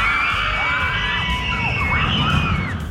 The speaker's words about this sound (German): Das. Aber warum kreischen wir eigentlich so in der Achterbahn?